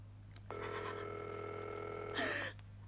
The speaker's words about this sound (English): We are ringing Ordway 3787 for you, caller.